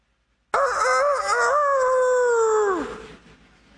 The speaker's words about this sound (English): For the rest of his life, Peter heard that rooster crow.